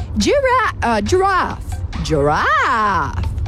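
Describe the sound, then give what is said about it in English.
Someone imitates a giraffe with strained, groaning vocal noises: three short wavering calls, then a longer one that swoops up and back down, fairly loud. “Do the giraffe.”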